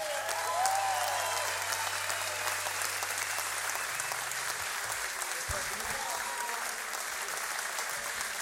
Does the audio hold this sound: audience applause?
yes